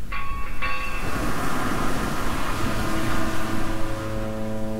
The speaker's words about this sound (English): Those foghorns signal the sea, the element so associated with our next composer, Claude Debussy.